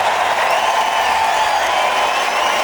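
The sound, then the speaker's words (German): Sustained audience applause, a dense, steady wash of many hands clapping at once, loud and even throughout with a faint murmur of crowd cheering mixed in. “Das ist euer Applaus, liebe Hanse-Mädchen.”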